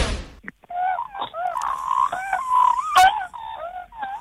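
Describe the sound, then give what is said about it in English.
A boy in Oklahoma, USA, who impersonates more than 100 types of birds, imitates an Australian magpie call with his voice. He produces about four seconds of warbling, gliding fluty notes that rise and fall in pitch, with no one talking over it. “He's in Oklahoma in America, but we started by asking him to do some impressions of some Australian birds for us, including the magpie.”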